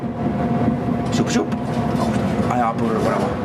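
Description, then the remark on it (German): A tram rumbles steadily along the Uferstraße beside the Vltava (Moldau) river toward the Charles Bridge in drizzling rain, its electric motor giving a constant droning hum over rolling wheel noise, loud and continuous throughout. “Mit seiner Straßenbahn ist Stepan Schwerlik jetzt auf der Uferstraße unterwegs”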